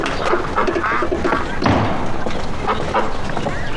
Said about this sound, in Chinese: 哎呀呀呀呀！哎，这是喂鸭子呢。嗯。 嗯，吃饭，过来过来。